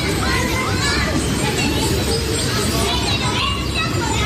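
Children playing in Parque Concordia, Guadalajara, their overlapping shouts and high chatter forming a continuous, lively babble over steady background noise for the whole stretch.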